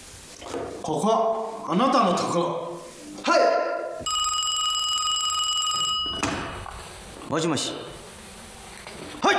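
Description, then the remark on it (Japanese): A bright, metallic telephone bell rings steadily for about two seconds in the middle, between stretches of people talking. “所長、開会しながらから電話です。”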